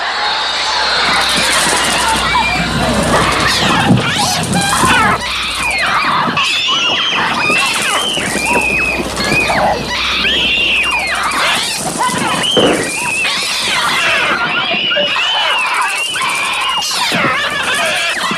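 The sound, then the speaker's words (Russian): A dense, continuous swarm of synthesizer-made bird cries from the soundtrack of Alfred Hitchcock's film The Birds: shrill, overlapping shrieks and squawks with sliding pitches, staying loud and crowded throughout with no pauses. “И ты знаешь, я никогда в жизни бы не поверила, что это не записанные на магнитофон «Птицы». Это невероятное сходство.”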